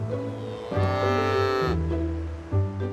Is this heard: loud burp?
no